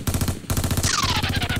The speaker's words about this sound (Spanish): Pues, ahí son juegos pirotécnicos. Balas no.